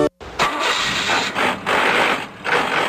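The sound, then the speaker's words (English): A car engine with a bad transmission revs loudly, its strained roar cutting out briefly twice as gears shift roughly, then surging again. No voices. “Dude, get your shift together. That sounds horrible.”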